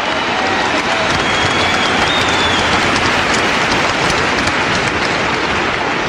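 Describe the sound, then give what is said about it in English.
Loud, sustained applause from a large arena crowd at the 1994 Winter Olympics, cheering Nancy Kerrigan's figure skating performance: a dense roar of clapping hands that stays steady and unbroken throughout, with no voices standing out. “And the crowd? The crowd was thunderous.”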